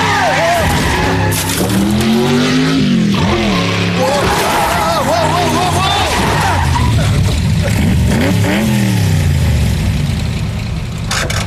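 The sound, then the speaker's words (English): A car roars at speed with its engine revving hard, tires squealing loudly as it skids through a turn, the screech rising and falling over a steady engine rumble. “Hey, ho, ho, slow down. You're going to miss the turn.”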